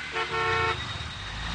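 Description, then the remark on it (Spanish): A single loud car horn blares for about half a second over a steady low rumble of traffic that continues after the honk stops. “¿Qué es eso de andarte durmiendo en el tráfico?”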